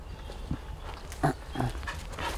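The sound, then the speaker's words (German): Dogs playing, giving a few short, scattered grunts and yelps over a steady outdoor rumble, with no one talking. “Hundekenner denken bestimmt, was hat er denn, die spielen da einfach.”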